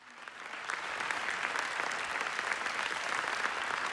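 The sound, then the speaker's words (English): Loud, sustained standing ovation from a large audience at the Venice Film Festival premiere of a documentary about Gaza, after the screening, a dense continuous wash of clapping that holds steady and full throughout, with no voices standing out; the ovation lasted 25 minutes. “A new documentary about Israel's AI-powered mass killing of civilians in Gaza received a 25-minute ovation at its premiere at the Venice Film Festival.”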